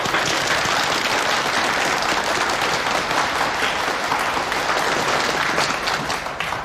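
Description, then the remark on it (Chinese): A crowd at a training course applauds to welcome a theatre chairman as keynote speaker, a dense wash of many hands clapping at once, loud and sustained from start to finish with no voices over it. “大家掌声欢迎。”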